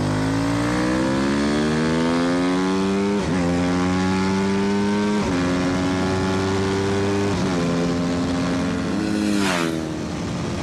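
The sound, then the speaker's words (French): A racing motorcycle engine screams loudly and steadily, its high-pitched whine climbing through the revs and dropping sharply at three or four gear changes. Nobody speaks. “C'est vraiment l'école de la moto de course, quoi.”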